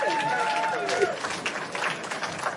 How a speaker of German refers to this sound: Hallo, hallo. Schön, dass ihr da seid. Dass ihr da seid. Ein bisschen Applaus. Ja, packt es.